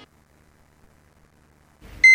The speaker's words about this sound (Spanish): 6 de la mañana. Suena el despertador y te preparas para iniciar tu día.